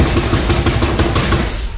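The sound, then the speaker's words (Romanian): A quick series of about eight or nine firm knocks on a door, sharp and evenly spaced, that stop abruptly and leave a short fading tail. Nobody speaks. “Bate la ușa asta.”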